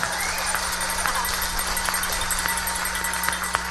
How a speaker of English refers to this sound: Well, it's great to be here in this little bitty but really nice little theater. This is just so good. I'm telling you, I like the sound in here too. Sounds good, especially when you all clap. That's wonderful.